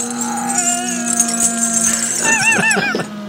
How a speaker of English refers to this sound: Because at the end, there's a couple of pigs.